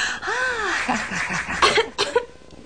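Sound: cough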